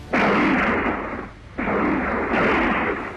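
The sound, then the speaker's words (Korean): Loud bursts of rapid gunfire from the east blur into a dense crackling roar, then a short lull before a second sustained volley. No voices. “갑자기 동쪽에서 자지러진 총소리가 터졌다.”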